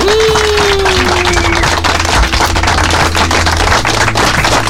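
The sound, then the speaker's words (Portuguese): Loud, dense standing applause from many hands clapping rapidly and steadily throughout, with a faint falling tone gliding down at the start, closing the day's classifieds segment on a radio show. “Classificado de hoje ficando por aqui pra aplaudir de pé.”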